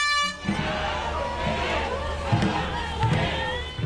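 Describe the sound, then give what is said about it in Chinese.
A loud crowd cheers and shouts continuously while low drum beats thump at a steady, spaced pace as teams race in a dragon boat race on the Dragon Boat Festival in Hong Kong, after a brief horn-like blast at the very start. “一年一度的端午节，香港多区昨日都有举行龙舟竞渡比赛，参赛队伍随着鼓声和欢呼声乘风破浪。”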